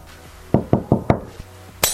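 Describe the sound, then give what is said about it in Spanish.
Four firm knocks on a door in a quick, even rhythm, fairly loud, followed by a faint tap and then a brief hissing burst of noise at the end. “Antes de seguir con los mensajes, ¿quién está golpeando la puerta?”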